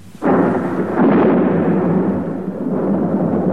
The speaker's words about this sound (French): Dans son hôtel particulier, madame de bonne famille, réveillée par le fracas de l'orage, s'est levée en hâte pour voir si tous ces gentils minets ne sont pas trop effrayés.